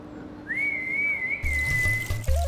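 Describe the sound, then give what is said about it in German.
An animal keeper gives a single long, steady whistle to call an animal, held at a high pitch for nearly two seconds, clear, with splashing, water-like noise rising underneath toward the end. “Man muss laut rufen und gut pfeifen können.”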